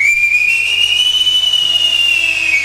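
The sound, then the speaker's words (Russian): A loud, steady high-pitched whistle by robbers, mistaken for birdsong, held for nearly three seconds, rising slightly and then gently falling in pitch, with a faint hiss and low hum beneath it and no talking. “Это совсем не птицы.”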